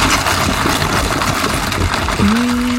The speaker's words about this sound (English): There go me ice cubes and my iced coffee. And it's the sound you're listening out for in between two songs, somewhere between now and 1 o'clock. Okay, you'll hear that rattling away as I noisily have my iced coffee well away from the desk